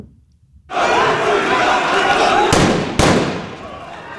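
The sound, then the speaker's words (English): A roaring crowd of protesters in Kenya, opposing a proposed Ebola quarantine center for Americans, shouts and chants in a dense, continuous wall of noise near the planned site, broken by two sharp bangs a half-second apart as police fire warning shots and tear gas to disperse them. “Police fired warning shots and tear gas in a bid to disperse the crowd near the site of the planned facility.”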